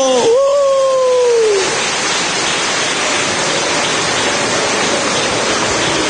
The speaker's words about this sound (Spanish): A ver, los niños, los adolescentes, los jóvenes, menores de 25 años de pie, démosles un aplauso.